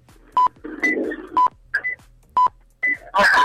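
A quiz wrong-answer buzzer sounds in short, sharp electronic beeps, three of them spaced about a second apart, with fainter chirps and tones between and a brief noisy burst at the end.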